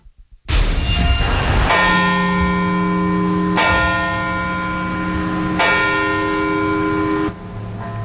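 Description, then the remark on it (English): Church bells toll loudly in Parkville, Baltimore County, Maryland, at a commemoration of lives lost in attacks 25 years earlier: a string of heavy strikes about two seconds apart, each leaving a long ringing hum that overlaps the next. No one speaks. “The bells were tolled and 3,000 flags were planted along Putty Hill Avenue to honor the first responders and civilians”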